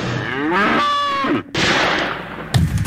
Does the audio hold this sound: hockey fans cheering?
no